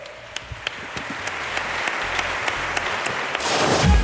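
An audience applauds steadily with a dense wash of clapping, individual claps popping out irregularly, swelling louder toward the end.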